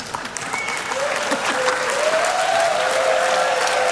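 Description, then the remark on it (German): Sustained audience applause at a WDR show, a dense steady wash of clapping hands that holds at a fairly constant loud level for the full four seconds, with a faint rising tone threading through it. “Ja, das ist euer Applaus.”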